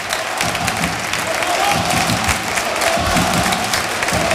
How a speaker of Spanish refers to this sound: Y en estos momentos el colegiado decreta el final del primer tiempo y así aplaude el Arcángel a sus jugadores.